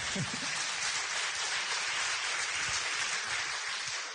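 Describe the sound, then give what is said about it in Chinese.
An audience breaks into steady, dense applause, a continuous crackle of many hands clapping at an even, fairly loud level for the whole stretch, with no voices on top. “好，谢谢，我们掌声。”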